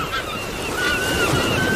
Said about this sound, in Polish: Bardzo dziękujemy, proszę Państwa, no to żebyśmy my tak poczuli się jak koło brzegu, jak nad morzem, morza szum, ptaków śpiew.